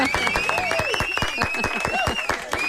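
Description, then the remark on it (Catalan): An audience applauds steadily to welcome a young journalist who has joined the programme, a dense stream of sharp claps running the whole way through at an even loudness, with faint voices and a thin sustained tone mixed in. “Un aplaudiment.”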